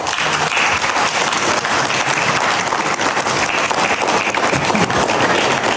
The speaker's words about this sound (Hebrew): בארוחת ערב חגיגית בארמון ורסאי חתם הלילה הנשיא טראמפ על ההסכם עם איראן וזכה למחיאות כפיים.